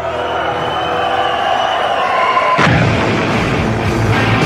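A sustained musical drone gives way to a sudden loud blast of fireworks and smoke bombs at a live concert in Belfast, Northern Ireland, in 1984, followed by a dense, roaring wash of explosive crackle and crowd noise that stays loud to the end.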